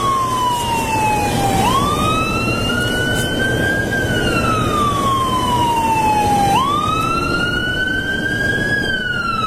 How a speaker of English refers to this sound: Here comes squad. Here comes a guy, full lights and siren.